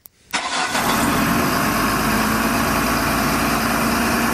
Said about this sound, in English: And those trucks, they keep coming round Yass, don't they?